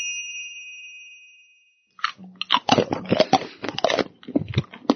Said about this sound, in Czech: Kdo to tady tak hlasitě chroupe do mikrofonu?